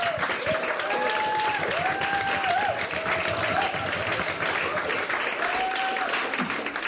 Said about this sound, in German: Aber jetzt erstmal Beifall